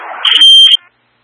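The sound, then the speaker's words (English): A loud, high-pitched electronic alarm tone from the local magnetic lock alarm on the Zulu 10 double doors sounds once for about half a second, after a badge is swiped and the door pushed through. It follows a brief scuffing noise and then cuts off abruptly. “This is a local mag lock alarm.”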